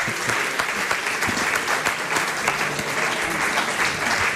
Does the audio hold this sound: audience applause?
yes